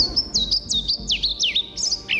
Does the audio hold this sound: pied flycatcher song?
yes